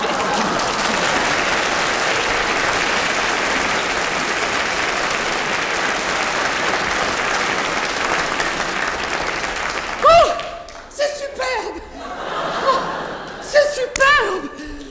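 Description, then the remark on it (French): A crowd claps steadily in a dense, loud burst of applause for about ten seconds, then it stops and a few voices speak, with scattered exclamations. “Enfin, bref, il m'empoigne par le bras, me ramène à la surface, aux applaudissements de la population.”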